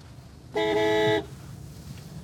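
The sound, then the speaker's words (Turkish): A single loud car horn honk lasting about half a second, steady, over a low background rumble with no talking, sounded by a driver pulling into a car dealership to announce his arrival. “Mike galerideyken her zaman korna çalarak içeri girerim”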